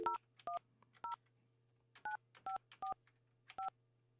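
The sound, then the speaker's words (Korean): Telephone keypad tones dial a number from a Far East Broadcasting (극동방송) radio show to call a listener: about seven short two-pitched beeps at uneven intervals, clear, over a faint steady low hum with no talking. “5356 전화 한번 해볼게요.”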